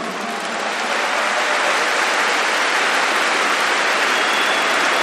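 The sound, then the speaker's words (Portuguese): A crowd applauds Our Lady (the Virgin Mary), clapping steadily for about five seconds, a dense, even wash of applause that stays loud throughout with no voices over it. “Vamos aplaudir Nossa Senhora?”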